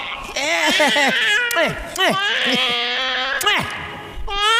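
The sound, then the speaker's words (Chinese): A baby boy wails loudly and continuously, with rising and falling sobbing cries that repeat in quick bursts. “宝宝别哭了啊，妈妈亲一口。”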